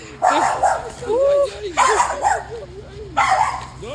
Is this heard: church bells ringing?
no